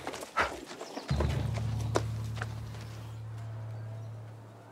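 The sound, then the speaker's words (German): Horse hooves clip-clop in a quick, uneven run of knocks, then a steady low rumble of cart wheels rolls in and continues underneath. No one speaks. “Schnell zum Karren.”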